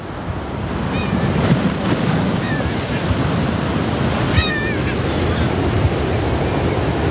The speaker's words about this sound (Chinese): 每年11月，这一幕都伴随着海风与海浪在伊尼什维基兰岛上演。